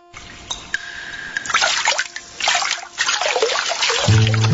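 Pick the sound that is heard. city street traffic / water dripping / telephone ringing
water dripping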